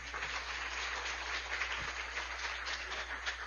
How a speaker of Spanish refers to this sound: Un aplauso también a los misioneros.